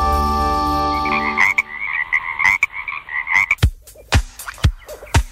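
A sustained musical tone fades out as a chorus of frogs takes over, with steady trilling calls and several loud, sharp croaks punctuating the last few seconds, clear.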